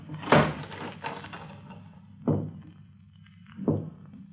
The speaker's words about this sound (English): Dan, were you knocking at this door?